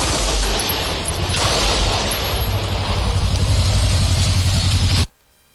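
Gunfire from a shootout in the Asa Branca community during the afternoon: a dense, loud barrage of rapid overlapping shots crackling over a rough, noisy background for about five seconds, then cutting off abruptly.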